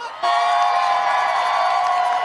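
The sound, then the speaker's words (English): A crowd at a plaza erupts in loud, sustained cheering and whooping that kicks in abruptly and holds steady, a dense wall of many voices shouting together. “The crowd is electric over here. Make some noise.”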